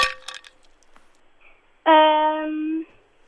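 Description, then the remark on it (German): A quick flurry of bright clinks, like ice cubes rattling in a glass, followed after a short pause by a loud, steady buzzer tone lasting about a second. “Leider die Eiswürfel.”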